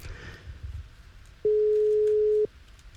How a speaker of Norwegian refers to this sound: Og da er det bare å følge med på telefonen deres, for nå skal det ringe hos noen.